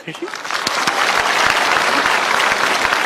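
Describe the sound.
A crowd applauds steadily, dense clapping rising quickly and holding at a loud, even level throughout, with faint voices mixed in at the start.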